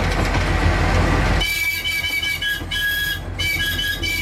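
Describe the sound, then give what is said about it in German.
Old railway wagons roll slowly, at reduced speed, along a mountain line of the Thessalian Railway. A loud rumble gives way to high, whining metal-on-rail squeals that rise and fade in intermittent bursts. No one speaks. “Die Geschwindigkeit, sie ist reduziert, um eben all das Panorama voll genießen zu können und eben die Fahrt auch bequem zu gestalten, weil es ja alte Waggons sind.”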